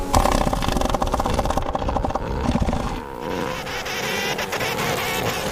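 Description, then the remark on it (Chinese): Four-ton male elephant seals bellow in deep, rattling, guttural roars during the breeding season as they fight for control of the females. The pulsing, buzzy calls are loud and continuous, overlapping one another with no talking. “现在是象海豹的繁殖季，这些重达四吨的雄性象海豹正在争夺对雌性象海豹的控制权。”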